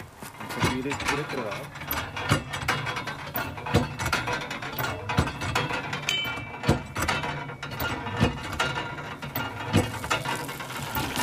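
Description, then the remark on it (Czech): A hand water pump being worked, giving repeated creaky metallic clanks and ratcheting knocks at a roughly steady stroke rhythm, with a low murmur of background voices. “Takže nacházíme se v lese, který zároveň obklopuje toto poutní místo a kde se tady našla ta zázračná orda, kterou můžeme dnes získat pomocí pumpy.”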